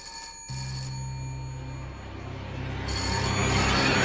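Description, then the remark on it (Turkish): A telephone rings continuously with a bright, sustained electronic tone, fairly loud, over a low steady hum with no talking. “Telefon çalıp da kimse açmazsa kapıya polisleri gönderirler.”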